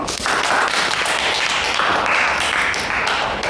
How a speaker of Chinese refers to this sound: 说的真好，鼓掌。